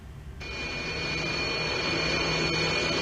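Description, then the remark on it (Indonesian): A loud, steady jet roar surges in after a brief quiet moment and holds, a broad rushing rumble with a thin whine on top, as Indonesian Air Force military aircraft fly over Jakarta during a dress rehearsal of an aerial display for Indonesia's independence celebration, with 81 aircraft taking part in total. “Sabtu pagi, TNI Angkatan Udara menggelar gladi bersih atraksi udara untuk perayaan kemerdekaan Republik Indonesia. Total 81 pesawat akan menghiasi langit Jakarta.”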